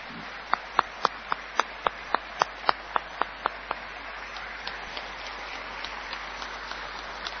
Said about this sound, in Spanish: Así que, feliz cumpleaños, los invito a ponerse de pie para dar un fuerte aplauso al Teatro Florencio Sánchez y a la gente que lo hizo posible por tantos y tantos años.